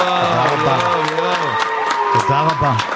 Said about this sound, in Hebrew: יואו, כמה כפיים אני מקבל היום, חבר'ה.